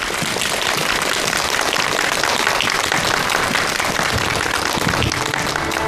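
A large audience applauds steadily, a dense, even wash of many hands clapping that stays loud and continuous for several seconds without any talking.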